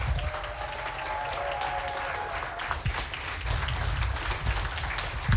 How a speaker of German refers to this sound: Und natürlich noch mal einen bitte ohrenbetäubenden 12-Punkte-Applaus für den wohl tollkühnsten Moderator, den Heide jemals gesehen hat,